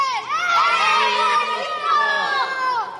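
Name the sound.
children cheering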